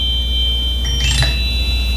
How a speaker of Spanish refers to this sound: Es motor de moto.